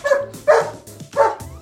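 A corgi barks three times in quick succession, sharp and fairly loud, with short pauses between each bark and a faint low hum underneath, played back from a home video.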